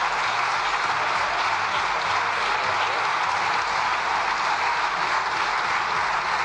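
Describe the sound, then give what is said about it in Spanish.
In the Spanish parliament (the Cortes), the president's own party gives him loud, sustained applause lasting about one minute: dense clapping from many people holding steady and unbroken throughout, with no voices standing out above it. “presidenta de las Cortes, Francina Armengol, ha impedido a Alberto Núñez Feijóo agotar sus 2 segundos de tiempo que le quedaban para la réplica después de que el presidente fuera arropado por los suyos con un sonoro aplauso de 1 minuto de duración.”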